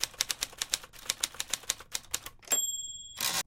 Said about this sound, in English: Yeah. Typewriter.